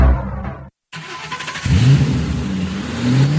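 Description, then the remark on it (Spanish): A car engine cranks and catches after a brief silence, then revs loudly, its pitch rising and swelling in a couple of strong throttle bursts. “¿Problemas con tu coche?”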